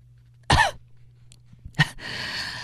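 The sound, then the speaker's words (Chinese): Someone clears their throat after choking on cigarette smoke, with two short, harsh bursts about a second apart, followed by a steady breathy rasp. No one speaks. “葛笑言抹抹眼角呛出的泪水，清清嗓子。”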